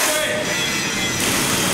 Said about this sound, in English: Troubleshooting an engine in a military workshop?